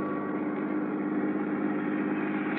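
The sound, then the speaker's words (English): A steady, continuous car engine hum, an even rumble with a low drone, from riding inside a moving new car with electric windows, power seat and air conditioning, driving from the airport into town in Sarasota, Florida. No one speaks. “You like my new car, Johnny?”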